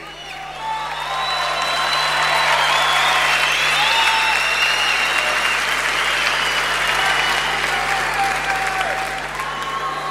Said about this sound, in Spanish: Necesito que lo aplaudan con ganas. Uno de los guitarristas más emblemáticos que la Argentina entera ha dado. Una onda, loco. Una onda. Necesito un fuerte aplauso, grito, silbido para el negro García López.